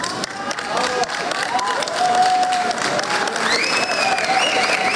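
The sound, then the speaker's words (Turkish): At an airport, a crowd applauds steadily and loudly to welcome a 27-year-old racing driver after a historic win, with cheering and whistles rising over dense clapping while scattered voices call out. “Tarihi bir başarıya imza atan 27 yaşındaki pilot havalimanında alkışlarla karşılandı.”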